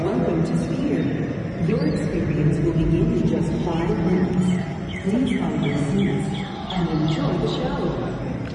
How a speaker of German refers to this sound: Ja, man hört da Vögel zwitschern, also es passt total zum Inhalt des Filmes.